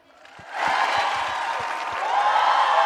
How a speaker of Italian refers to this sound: Così vuol dire un grande applauso. Io direi di fare solo questo dicendo. Ok, mentre così è un urlo. Un'ultima prova, scusate.